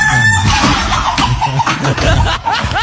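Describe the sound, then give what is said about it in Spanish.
Chickens cluck loudly on a farm, where a hen has laid an egg, while a rooster crows, the bursts of squawks and rising calls overlapping in a busy, continuous farmyard chorus. “Aro, en la granja la gallina puso huevo.”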